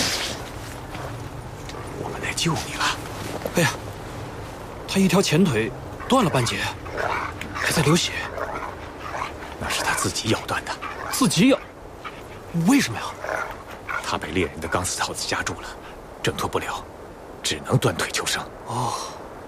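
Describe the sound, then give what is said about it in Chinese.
An injured wolf, one front leg half severed and bleeding after it broke free of a hunter's wire snare, whimpers and yelps in repeated, strained bursts, fairly loud across the whole stretch, with people's voices mixed in around the cries. “那狼以为你要打他，还不赶紧拼命啊！”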